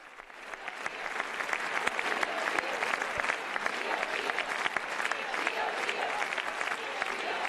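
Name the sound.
long round of applause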